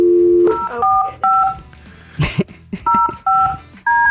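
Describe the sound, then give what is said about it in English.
A short dial tone gives way to a series of telephone keypad beeps, about six or seven two-tone presses at an uneven pace with a brief clunk in the middle, clear, as a phone number is dialed to call someone. “Let me get William on the phone here.”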